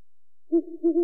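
An owl hoots twice in quick succession, soft, low and breathy, with a brief pause between calls. The hoots are clear against otherwise silent surroundings.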